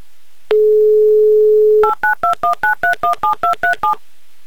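A steady dial tone hums for over a second, then a quick run of about eleven evenly spaced touch-tone beeps as the phone number of a woman in Dmitrov is dialed, each a short two-note chirp.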